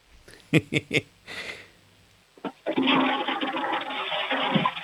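A few sharp clicks and a handle press, then a toilet flushes with a loud, close rush of water that keeps roaring steadily to the end.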